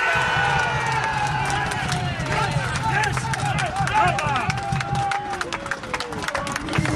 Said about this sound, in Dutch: Het gejuich aan de rechterkant naast mij is dus van de supporters van Genemuiden.